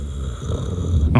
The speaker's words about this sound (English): That was lightning right there. There was thunder. Did everyone out there hear the thunder? Or, I don't know if it got picked up, but